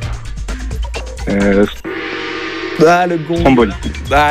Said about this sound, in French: Le gong qui a retenti une seconde avant que vous nous donniez la bonne réponse. Je peux malheureusement pas la compter.